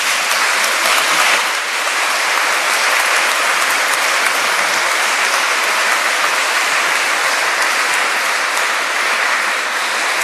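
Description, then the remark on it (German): A large crowd applauds steadily and loudly at a gathering in Maria Tafel, Austria, celebrating the 28th birthday of Radio Maria, a dense wash of clapping hands that holds at an even level for about ten seconds with no voices heard. “Begrüßen wir Jesus und die Mutter Gottes hier in Maria Tafel mit einem Applaus.”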